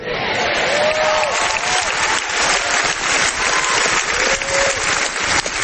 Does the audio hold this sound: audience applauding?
yes